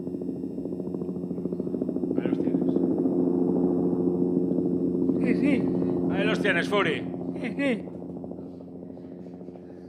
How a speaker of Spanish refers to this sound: Ahí tienes al helicóptero